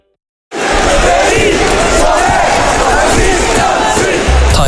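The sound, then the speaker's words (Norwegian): A loud crowd from the local community roars and cheers in a dense, sustained wash of many voices, starting abruptly after a brief silence and holding steady throughout with shouts rising out of the mass. “Tire lyden av lokalsamfunnet vårt.”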